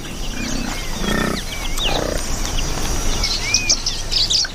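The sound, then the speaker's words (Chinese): Nyasa lovebirds chirp and twitter in quick, scattered bursts as they search sticky mud for stuck plant seeds, over a busy outdoor background, with a few low animal grunts rumbling underneath early on. “尼亚萨湖牡丹鹦鹉在粘稠的泥土里寻找被粘住的植物种子”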